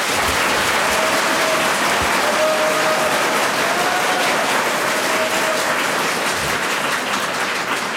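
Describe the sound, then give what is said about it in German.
Dense, steady applause from a large audience, the second round of applause, given for Qualtinger as the president and small taxpayer, fills the whole stretch, many hands clapping at once at an even, fairly loud level, with no one speaking. “Zweiter Applaus für den Präsidenten und kleinen Steuerzahler Qualtinger.”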